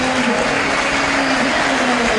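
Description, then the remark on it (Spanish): A stadium crowd applauds Milton steadily, a dense, even wash of clapping and crowd noise that stays loud and unbroken throughout, with no distinct voices standing out. “Milton muy aplaudido.”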